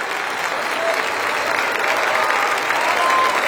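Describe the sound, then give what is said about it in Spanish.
Steady applause from an audience, a dense wash of clapping that holds at an even, moderately loud level for several seconds with no pauses or speech over it. “Demasiada como para tan poco aplauso.”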